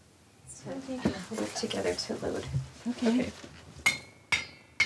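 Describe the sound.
A spoon taps sealed glass jars of salted raw salmon, heated for two hours, in a spoon test of the seals: three sharp, bright, ringing clinks with a sustained high tone, coming one after another after a stretch of someone talking.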